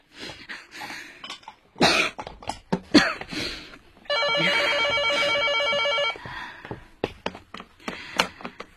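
A telephone bell rings once, a loud, steady trilling burst lasting about two seconds, surrounded by scattered coughs and sharp tapping noises before and after.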